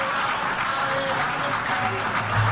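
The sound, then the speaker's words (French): Sustained applause fills the UN General Assembly hall as the Israeli leader arrives to speak, a dense steady clatter of many hands, with crowd voices and faint chanting mixed underneath. “Alors, on entend ces slaves d'applaudissements.”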